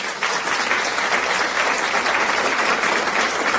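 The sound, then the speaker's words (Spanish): Steady audience applause for those who guessed that the riddle's answer was the umbrella: a dense wash of many hands clapping at an even, loud level for several seconds, with no voices standing out. “Un aplauso para los que dijeron el paraguas. Aplausos, por favor.”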